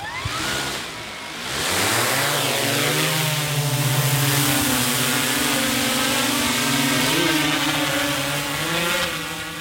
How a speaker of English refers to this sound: Disappears quite quickly, doesn't it? Within seconds, the drone disappears from our naked eye view.